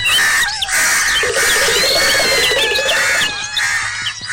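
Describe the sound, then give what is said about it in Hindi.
A loud, dense chorus of birds squawking and crying out in agitated, overlapping calls, with shrill chirps and harsh squeals running continuously, and no talking; the cries frighten a cat into running away. “चीख पुकार की आवाजें सुनकर बिल्ली बहुत घबराई और डर कर भाग गई।”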